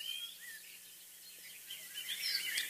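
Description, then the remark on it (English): Faint outdoor birdsong from a summer field recording on a bog in County Cork, Ireland: scattered high chirps and thin whistles from birds, growing a little busier toward the end over a quiet open-air background. “This is field recordings from the Summer on the Bog.”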